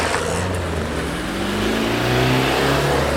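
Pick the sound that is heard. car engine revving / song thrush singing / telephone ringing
car engine revving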